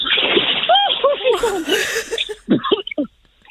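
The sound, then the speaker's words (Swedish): A churning splash as someone jumps off a low jetty into cold water, followed by a stretch of sloshing, with voices gasping and exclaiming over and after it. “Ja då, ett litet plums. Lite plask.”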